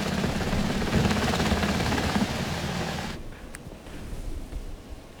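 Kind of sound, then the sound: vehicle, military helicopter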